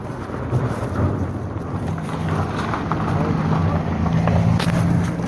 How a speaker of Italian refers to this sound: Al tempo era passata una macchina.